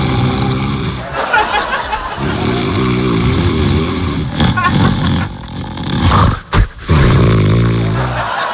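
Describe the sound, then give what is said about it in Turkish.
A man snores loudly with a deep, rattling, rumbling drone that runs almost continuously, broken only by a couple of brief catches in the breath. “Bu horlamadır.”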